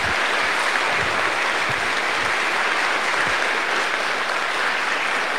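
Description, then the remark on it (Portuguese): Sustained crowd applause for children and adolescents who are about to be invested in a service role at a religious ceremony. A dense, steady patter of many hands claps at an even loudness for several seconds, with no voices rising above it. “Vamos dar uma salva de palmas para as crianças.”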